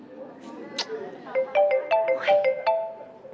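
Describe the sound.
A phone ringtone for an incoming call plays a bright, repeating melodic pattern of short beeping tones from about the midpoint onward, sounding over a low murmur of background noise and faint voice.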